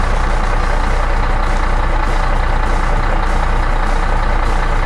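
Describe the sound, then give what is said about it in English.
A loud diesel engine idles steadily, its deep rumble and rattling chug continuing without a break for the whole stretch, with no voices. “Okay, what kind of engine is that? Diesel engine. There you go.”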